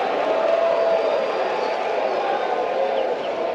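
A large baseball stadium crowd in the eighth inning roars and cheers, urging pitcher Mercado on, in a steady, dense wash of noise that holds loud throughout, with a brief whistle rising out of the din.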